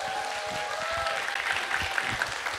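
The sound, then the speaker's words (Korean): An audience at a live event applauds a guest singer after a performance, a dense wash of many hands that holds at a constant level for the whole stretch, with a faint tonal hum running underneath in the first second. “다시 한번 권희님 박수 한번 부탁드릴게요.”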